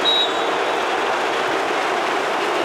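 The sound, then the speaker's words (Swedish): A large arena crowd roars as a Dallas Mavericks player is shown, a steady, loud wash of noise that holds at an even level for a few seconds, with no distinct voices standing out. “Tänker ni varför låter det så mycket om publiken?”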